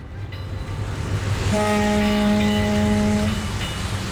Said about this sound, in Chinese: 香港维多利亚港湾上，海风习习，汽笛声声，各种船只在海面上安然地航行。